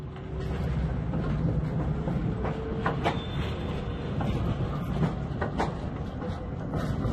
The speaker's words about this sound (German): Mit Triebwagen 557 und Beiwagen 747 ist ein Zug der dritten Lieferserie der Baureihe GT4E aus den Jahren 1976-77 betriebsfähig erhalten.